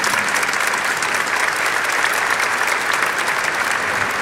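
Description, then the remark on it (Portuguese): A warm round of applause from a crowd welcoming guests, including priests, at an evening religious gathering: steady dense clapping that stays loud and even for several seconds with no voices standing out. “Então vamos todos nos acolher na casa da mãe com a calorosa salva de palmas nesta noite abençoada.”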